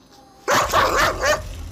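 A dog barks loudly in a short burst of a few rough, overlapping barks, starting abruptly after a brief quiet moment, with no one speaking.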